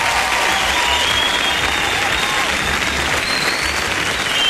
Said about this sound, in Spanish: Así es, lo recibimos con aplausos.